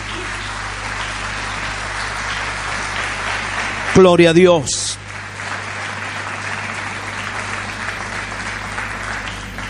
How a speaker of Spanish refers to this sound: Aleluya, denle un aplauso más grande al Señor.